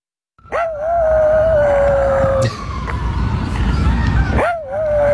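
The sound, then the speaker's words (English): A tiny rat dog named Brutus howls at sirens in Central Park in two long, wavering wails, the first sustained for about two seconds, the second rising near the end, over a steady roar of city background noise. “This is friend of the show, tiny rat dog Brutus, howling at sirens in Central Park.”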